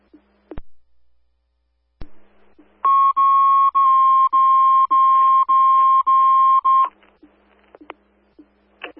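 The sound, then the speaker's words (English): Avon Fire dispatch alert tones: a loud run of about seven quick electronic beeps at one steady pitch, lasting roughly four seconds, framed by radio clicks and faint static, with no talking. “Defender 3, have you on a responding standby for tones?”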